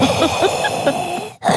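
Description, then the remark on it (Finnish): Someone imitates heavy, breathy panting into a phone: a steady run of rough, noisy breaths that breaks off briefly near the end before starting again. “Toi on muuten hyvä huijari, eli rupes heti läähättää, niin kyllä ne katkaisis.”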